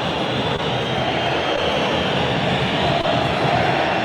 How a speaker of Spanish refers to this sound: Con silbidos, con canto de protesta. Escucha a la gente de Racing, enojadísima, ¿eh? Así se termina la etapa inicial en Avellaneda.